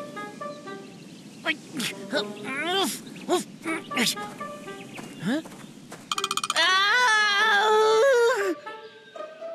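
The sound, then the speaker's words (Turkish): A fox calls in a series of harsh, nasal yelps and rising whines, scattered at first, then building into a long, loud, wavering scream near the end. “Tilki neredesin?”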